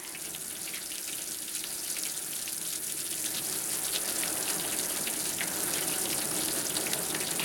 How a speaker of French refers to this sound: C'est qui fait tomber la pluie? Des fois, je me demande, c'est qui fait tomber les couteaux de là-haut, hein?